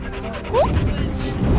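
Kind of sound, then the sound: animal, dog whimpering and yipping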